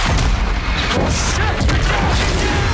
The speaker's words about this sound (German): Und wir sind mittendrin in der Action. Große Explosion. Es wird erst geschossen, dann werden Fragen gestellt.